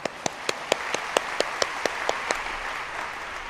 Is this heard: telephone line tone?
no